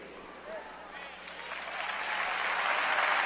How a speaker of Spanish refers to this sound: Ahora, nota algo. Nota algo. Te pedí que aplaudieras. ¿Por qué aplaudiste?